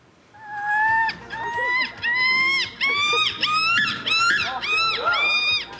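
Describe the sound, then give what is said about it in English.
Several people screech and squawk in loud, repeated bursts, imitating a screaming gull with rising, harsh cries that overlap in a rapid chorus. “Why, these people are doing their best impressions of a screaming gull.”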